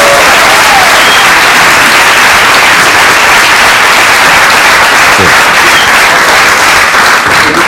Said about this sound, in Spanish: Pues que la han seleccionado en la selección oficial, sí. Un aplauso para...